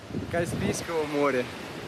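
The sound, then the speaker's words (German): Steady surf washes along a huge empty beach on the Caspian Sea in Dagestan, Russia, a continuous broad rush of breaking waves with some wind, while a voice talks over it. “Hier am wundervollen Kaspischen Meer wartet ein riesiger leerer Strand auf euch.”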